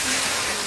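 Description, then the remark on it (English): A brief, steady rush of hissing water, like water being poured out to douse a fire, fairly loud with no voices. “So douse your flames, keep your vehicles maintained, and let's fight wildfire together.”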